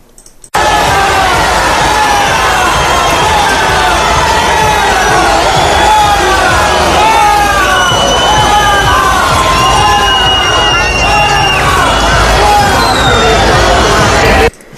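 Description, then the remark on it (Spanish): A large crowd of citizens cheers King Felipe and Queen Letizia of Spain and boos the government delegate, loudly and without pause, many voices shouting and whistling over one another in a dense, sustained roar for about fourteen seconds. “Los aplausos y la satisfacción por ver a don Felipe y doña Leticia de cerca contrastaban con los abucheos recibidos por la delegada del gobierno.”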